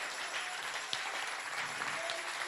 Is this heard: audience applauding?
yes